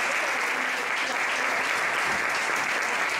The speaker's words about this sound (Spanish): Un fuerte aplauso para él.